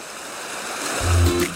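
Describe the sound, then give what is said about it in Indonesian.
A steady wash of ocean waves on a clean beach, a continuous hiss of water that swells louder toward the end, with a low rumble underneath and no voices. “Kalau laut dan pantai kita bersih gini?”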